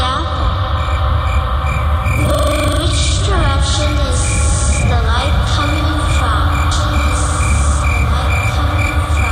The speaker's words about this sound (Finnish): Sieltä sammakot.